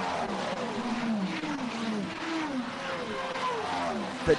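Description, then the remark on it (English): Several race car engines, including a Ferrari, whine past one after another during a motor race, their pitch sweeping up and down as they approach and recede, forming a continuous, fairly loud roar with a brief sharp knock at the end. “Varying noises of the engines going through.”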